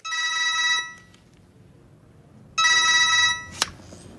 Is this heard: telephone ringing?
yes